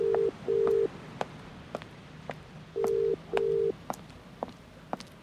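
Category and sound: signal or alarm, mobile phone call tone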